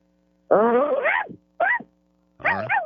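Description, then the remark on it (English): A person imitates a dog with their voice, making three barking sounds: a long, wavering first bark, a short second one, and a final bark after a pause. “How about a dog bark?”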